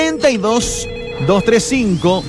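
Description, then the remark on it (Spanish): A telephone rings in short bursts beneath a steady electronic tone, with a voice talking loudly over it throughout, as a call-in phone line opens for listeners at 6:27 in the morning. “Desde ahora ya, habilitamos nuestra línea telefónica.”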